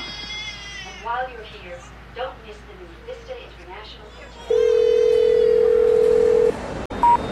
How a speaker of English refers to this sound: And at the time, I remember thinking, I wish that baby wasn't crying. It's spoiling the recording. But now, today, listening to it, I think it sounds just right.